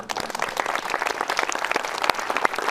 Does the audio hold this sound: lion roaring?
no